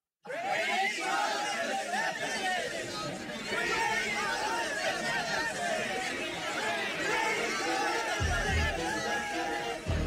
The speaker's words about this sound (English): As the crowd heard these words, they became furious and started shouting.